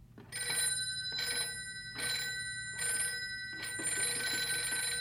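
A telephone bell rings in a steady series of short, bright, jangling bursts separated by brief pauses, fairly loud, with no one speaking.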